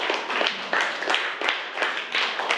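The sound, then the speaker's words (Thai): A group of schoolchildren in a class clapping together for classmates in group 2, in a steady, even rhythm, roughly four claps per second, fairly loud, with no talking over it. “กลุ่มนี้ก็ถือว่าสามัคคีกันดีมากเลยนะคะปรบมือให้เพื่อนกลุ่ม2ด้วยนะคะ”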